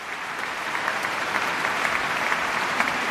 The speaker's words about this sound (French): Et un déluge d'applaudissements pour le pianiste, pour Pierre-Laurent Aymard, qui est l'une des grandes figures du piano français.